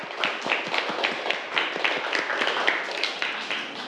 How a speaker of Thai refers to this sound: ปรบมือให้กับเพื่อนเลยนักเรียนนะครับ